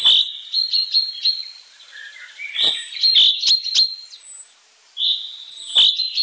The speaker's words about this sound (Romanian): Aproape un secol mai târziu, un ornitolog britanic a demonstrat că trilurile cintezelor din Scoția variază chiar și de la o vale la alta.